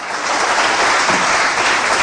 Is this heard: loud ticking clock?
no